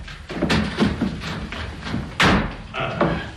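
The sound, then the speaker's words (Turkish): A door being opened, with a series of wooden thumps and rattles, then a sharper bang partway through and a few softer knocks afterward. “öldürür mü yahu, açın kapıyı.”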